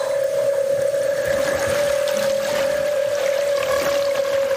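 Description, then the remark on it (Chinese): A long, unbroken call of a 大赤鲸 whale, picked up underwater by a hydrophone and played through a loudspeaker, holds one steady, mid-pitched tone from start to finish, with a fainter higher overtone above it and a wash of watery hiss underneath. The call exceeds 140 decibels and contains two tones. “丽萨的水听器捕捉到了大赤鲸在水下的叫声，扬声器中传出了大赤鲸悠长的叫声。”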